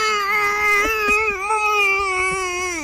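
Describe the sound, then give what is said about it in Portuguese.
A voice lets out one long, strained, deep groan, a celebration of a Flamengo goal made instead of screaming, held at a steady pitch for about three seconds without any words, loud and continuous like a muffled cheer. “Eu amadureci e a minha comemoração de gol, eu fico enlouquecido nos jogos do Flamengo e eu comemoro enlouquecidamente, mas eu faço uns gemidos profundos, porque eu não posso gritar, então eu faço...”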